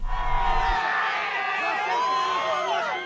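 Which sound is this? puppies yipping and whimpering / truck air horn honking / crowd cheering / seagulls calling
crowd cheering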